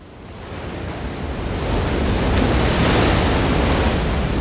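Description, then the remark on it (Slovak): A powerful ocean wave from a sudden incoming tide surges and crashes against rocks in front of a cave, a loud, broad roar that swells over a couple of seconds and then sustains in a wash of churning water, with no voices. “Zrazu sa ozval mohutný hukot. Jedna z vln narazila do skál pred jaskyňou a voda sa rozliala po úzkom chodníku, ktorý viedol von.”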